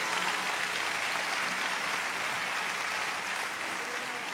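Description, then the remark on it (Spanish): An audience claps loudly and steadily, a dense, continuous wash of applause filling the whole clip without any voices standing out, giving a loud round of applause to the Lord during a sermon. “Dale un aplauso fuerte al Señor ahora.”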